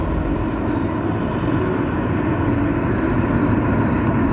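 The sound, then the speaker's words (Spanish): A cricket chirps outdoors in the street in short high-pitched trilling bursts, one early and then several in quick succession, over a steady low rumbling background noise. “El grillo suena, lo aprecian ustedes porque ya estamos en la calle.”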